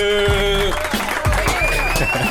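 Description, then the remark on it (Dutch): An audience on the Vibes show breaks into applause: a dense, steady patter of many hands clapping with some crowd noise, while a sustained musical tone rings over it throughout. “Applaus is er altijd voor iedereen die luistert.”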